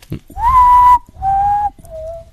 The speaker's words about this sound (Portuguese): O nome desse passarinho aqui é Urutago, né?